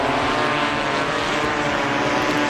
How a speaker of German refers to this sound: Das sind keine sehr lauten Bienen oder Hummeln. Es sind Drohnen, die dann über die Wälder fliegen.